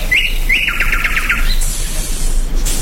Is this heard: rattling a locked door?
no